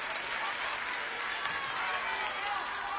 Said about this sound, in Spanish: Y quiero que uno de los primeros aplausos fuertes de esta noche sean para los chicos de la banda que me acompañan y para todo mi equipo.